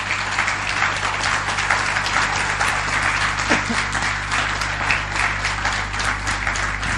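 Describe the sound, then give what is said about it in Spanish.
Sustained applause from an audience giving applause to the Lord, a dense, steady wash of many hands clapping at once that holds at an even, fairly loud level for several seconds, with no voices rising above it. “Ahora, denle un aplauso al Señor, ¿sí?”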